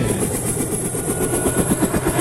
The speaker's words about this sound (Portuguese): Aí o barulho das turbinas do helicóptero.